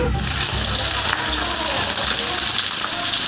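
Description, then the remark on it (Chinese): Steady, dense sizzling of homemade milk cake (rubing) pan-frying in a hot pan as a dish for a Sani New Year feast, a loud crackle that holds evenly without pause for the whole stretch. “在盛宴里，香煎乳饼算不上主角，但却是不可缺少的菜肴。”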